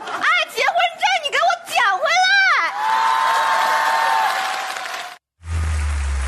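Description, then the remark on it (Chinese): A crowd at a Chinese crosstalk (xiangsheng) comedy show whoops and cheers with rising, wavering shouts, then breaks into loud, sustained applause for a few seconds before cutting off abruptly. “感谢您的掌声鼓励。”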